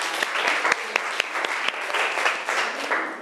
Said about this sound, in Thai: ขอเสียงปรบมือดังๆให้ตัวแทนจากกลุ่มที่3